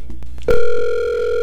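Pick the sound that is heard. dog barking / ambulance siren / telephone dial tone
telephone dial tone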